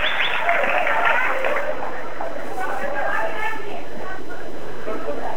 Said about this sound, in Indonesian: Sepertinya semakin meningkat ya. Tepuk tangannya semakin panas ini.